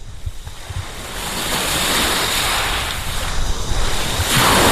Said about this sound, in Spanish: Para la despedida, este sonido no está ni mucho menos enlatado. Es el sonido de las olas de Playa de Poniente, en Motril.